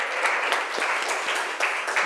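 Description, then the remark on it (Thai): A class claps together during a lesson for the student representing group 1, in a steady, dense burst of applause, many hands pattering at once at an even loudness for about two seconds, with no voices. “โอเคค่ะขอเสียงปรบมือดังๆให้ตัวแทนจากกลุ่มที่1ค่ะ”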